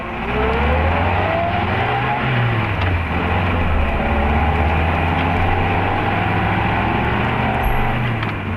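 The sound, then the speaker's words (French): A car slows to a stop because there is a bee in the car, its engine rumbling loudly and steadily, with shifting engine tones and heavy road noise throughout and no voices. “Mais pourquoi t'arrêtes-tu ? Il y a une abeille dans la voiture.”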